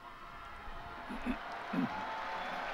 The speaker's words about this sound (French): Le pape a donc récité la prière mariale de l'Angélus, il est applaudi par les fidèles.